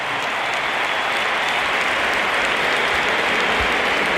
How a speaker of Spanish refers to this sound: Aplausos para Bellingham y ahora vamos a escuchar la ovación que se va a llevar Carvajal porque sale por tren Alexander-Arnold. Ahí lo tienen.